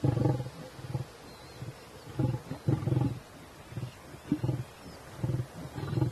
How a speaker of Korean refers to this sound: 새끼 사자들이 먹기 시작합니다. 이번엔 우두머리 수컷이 조금 전 먹이를 먹이던 어린 사자들에게 으르렁거리죠.